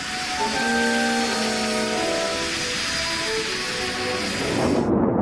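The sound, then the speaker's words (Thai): A steady, loud engine roar of an F-5E/F high-performance fighter jet with a droning, whining tone that slowly shifts in pitch, continuous, with no voices, cutting off abruptly at the end. “พระองค์ทรงสำเร็จการศึกษาหลักสูตรการฝึกบินเครื่องบินขับไล่สมรรถนะสูง F5EF ด้วยจำนวนชั่วโมงฝึกบินอย่างต่อเนื่องสูงกว่า 2,000 ชั่วโมง”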